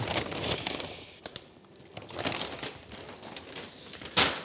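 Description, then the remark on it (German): Paper bags crinkle and rustle as online-order bags for hotel and guesthouse customers are packed, with irregular bursts of crumpling and a sharp crackle near the end, fairly loud, with no talking. “Das sind die Online-Shop-Tüten für die Hotelkunden oder die eine Pension haben. Die packen wir zuerst, damit die rechtzeitig haben.”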